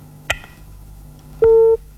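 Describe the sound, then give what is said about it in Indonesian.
A telephone busy tone after an incoming caller's line disconnects: a click, then a single steady electronic beep lasting about a third of a second over faint line hiss. No one speaks. “Terputus, dicoba kembali”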